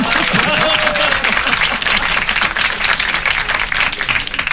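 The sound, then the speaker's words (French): Sustained applause from an audience fills the whole stretch, a dense, steady wash of many hands clapping, with a faint voice briefly audible early on. “On applaudit.”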